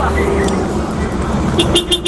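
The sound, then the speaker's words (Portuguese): A Scania truck horn sounds in a few short, bright blasts near the end, rising over the steady rumble of road traffic and engine noise, with muffled voices in the background. “a diferença da buzina aí, ó. Da Scania.”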